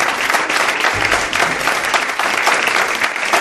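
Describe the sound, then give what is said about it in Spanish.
An audience claps steadily for a new guest, a dense wash of many hands at a loud, even level with no voices over it, the applause sustained throughout. “No os he pedido un aplauso para ella”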